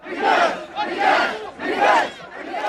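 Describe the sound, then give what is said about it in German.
A protest crowd in Tunisia, demonstrating against the authoritarian regime after power and water cuts, chants in loud, rhythmic bursts, three or four swelling shouts repeating in a steady cadence, massed voices blending into a roaring unison with no single speaker standing out. “Nach Strom- und Wasserabschaltungen gibt es ernstzunehmende und parteiübergreifende Proteste gegen das autoritäre Regime”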